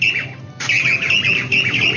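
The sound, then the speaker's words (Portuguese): A bird calls repeatedly outdoors on a farm, its bright, harsh chirps rising and falling in quick bursts, with a faint low rumble of background noise underneath. “Ó, eu quero saber que passarinho é esse que apareceu aqui na fazenda.”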